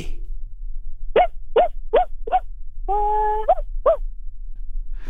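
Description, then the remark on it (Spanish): A person imitates their small dog Paco barking: a quick series of short, high-pitched yips with one longer held whine in the middle, fairly loud, with no other talking. “Fue como Mickey Mouse haciendo de perro, ¿no?”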